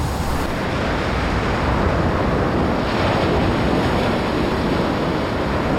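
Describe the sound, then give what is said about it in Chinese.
Gale-force Antarctic wind, often reaching 110 km/h, roars in a dense, unbroken rush of noise, loud and steady throughout with only slight surges, and no voices. “这里狂风呼啸，风速通常可达每小时110公里。”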